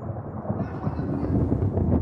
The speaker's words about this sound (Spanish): ¡Hay truenos, chaval! ¿No te gustan los truenos? Bueno, anda, no pasa nada. Pues mira, truenos.